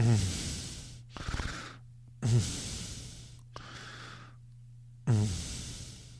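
Heavy, loud panting close to the microphone: about five rough, airy breaths alternating in and out in a steady rhythm, with a faint low hum underneath and no talking.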